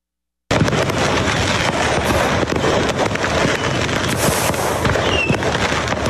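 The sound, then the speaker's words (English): Fireworks from a burning truck that was carrying them on a Tennessee highway crackle and bang continuously in a dense, chaotic barrage, with sharp overlapping pops and bursts, some whistling streaks, and a constant roar of fire and wind noise underneath. “And as that vehicle burned, fireworks just exploded left and right, started flying on the road, actually shut down”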